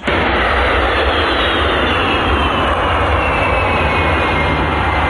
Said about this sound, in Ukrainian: Про приїзд шефа американської розвідки до Москви світ дізнався, коли військово-транспортний літак США у вівторок приземлився в аеропорту Внуково.